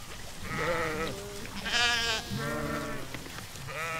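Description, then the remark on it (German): Several sheep crowd around a water trough on a hot day, bleating one after another, their wavering, nasal calls overlapping in a steady chorus of four or five cries, fairly loud with no talking. “Und so kommen sie alle zum Bottich und drängen sich um das Wasser.”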